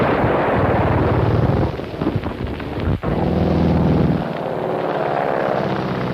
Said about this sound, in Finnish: On 2 tummakylkistä lentokonetta, jotka eivät suinkaan ole kovin korkealla, niin kuin luulisi, vaan tulevat aivan tätä kohti. Ne ovat 2 tummaa hävittäjää. Nyt ampuvat tuomekin.